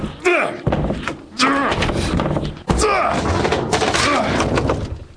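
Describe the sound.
Heavy fists pound on a closed door, three loud thuds a second or so apart, while a raised voice talks and shouts over the banging, demanding to be let in.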